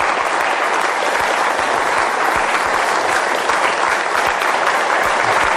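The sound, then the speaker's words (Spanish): Steady, dense applause from a crowd, many hands clapping at once in a continuous loud wash for several seconds, with no voices standing out. “Pues vamos a darle un aplauso a ese Dios que se hace niño.”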